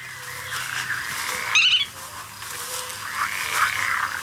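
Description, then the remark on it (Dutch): A black-tailed godwit calls in the open, repeated nasal notes with a sharper, higher cry in the middle, set against a steady low background hum of other wildlife. “Ja, dat is de grutto.”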